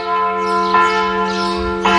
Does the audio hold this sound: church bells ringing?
yes